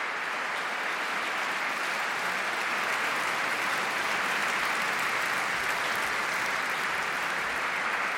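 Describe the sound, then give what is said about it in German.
Sustained applause from a large audience at the season-opening concert of the Festspiele Mecklenburg-Vorpommern in the Neubrandenburg Konzertkirche, a former church holding about 800, celebrating a string quartet and orchestra on stage after Spohr's Concerto in A minor. A dense, steady wash of clapping hands at an even level from start to finish, with no voices standing out. “Und jetzt sind natürlich alle vier und das Orchester auf der Bühne und lassen sich vom Publikum feiern.”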